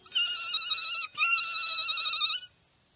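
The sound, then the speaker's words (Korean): A bright, high-pitched electric bell rings in two long, steady bursts of about a second each, separated by a brief pause, then stops. No one speaks. “종소리야, 이제 전부 다 깨끗해졌어.”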